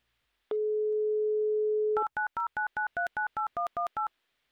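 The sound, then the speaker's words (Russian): A steady telephone dial tone hums for about a second and a half, then gives way to a quick run of about a dozen crisp, evenly spaced touch-tone beeps as a game show dials a contestant's number in Moscow. “Так. Номер набрали.”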